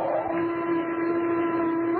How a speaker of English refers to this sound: Whistle, sounds like an air raid alarm. That's just what it is. Planes overhead now. The British are raiding us again.